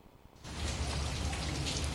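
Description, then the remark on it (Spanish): Light rain drizzles steadily, a soft, even patter and hiss that swells in after a brief quiet moment at the start and continues without pause, with no voices; the drizzle lingers after an earlier heavy downpour. “Oigan, sigue lloviznando, o sea, ya tiene ratote que cayó una lluvia muy fuerte.”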